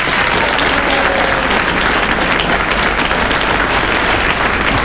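audience applause

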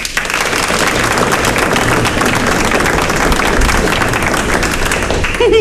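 audience applause

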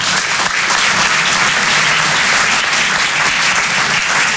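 audience clapping hands

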